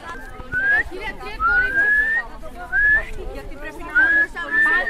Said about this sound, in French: Vous faites quoi, les garçons, là? En fait, je le guide avec le sifflement.